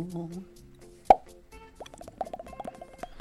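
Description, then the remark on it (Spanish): A single crisp cork pops from a red wine bottle, sharp, standing out against quieter background sound, with voices chattering briefly afterward. “El vino tinto, para el correspondiente destape”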